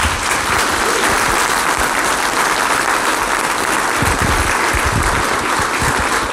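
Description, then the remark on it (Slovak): Sustained applause from an audience, a dense, steady patter of many hands clapping at an even loudness throughout, with no voices rising above it. “Takže potlesk pre vás.”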